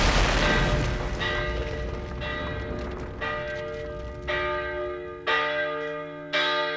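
A church bell in a bell tower in a historic town centre tolls loudly and steadily, about once a second, each strike ringing out with a long shimmering hum that overlaps the next. No voices are heard.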